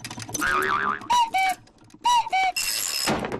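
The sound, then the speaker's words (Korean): A cuckoo clock sounds two clear "cuck-oo" calls, each a high note dropping to a lower one, after a wobbly whistling tone and light mechanical clatter, ending in a burst of hiss. “조지가 또 뻐꾸기를 놓쳤네요.”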